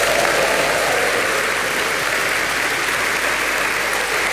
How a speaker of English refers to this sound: And there is a cheering audience just to prove it.